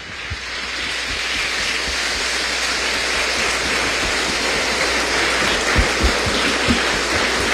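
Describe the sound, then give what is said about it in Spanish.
Sustained applause from a crowd for the mothers present on Sunday 10 May, a dense, steady wash of many hands clapping at an even loudness for several seconds, with a few sharper claps standing out near the end. “Un aplauso para las mamás.”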